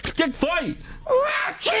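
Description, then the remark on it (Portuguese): A voice asks a short question, then blurts out the English word "watching" as a sharp, sneeze-like word with a hissing burst, imitating a sneeze in two quick bursts of speech. “É um espirro, você viu?”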